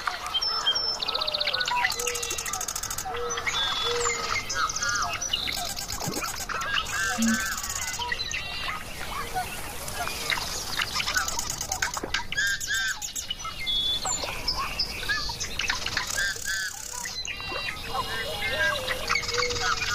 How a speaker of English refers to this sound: Now to listen as the sunlight weakens, the insects emerge, and the birds sing their goodnights before the frogs take over for the evening.